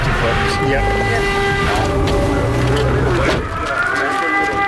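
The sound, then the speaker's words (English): An air raid siren wails at a port in Ukraine in a long, steady rising tone, loud and continuous across the whole stretch, over a busy low rumble of outdoor background noise. “Back at Dimitro's port, the air raid siren sounds.”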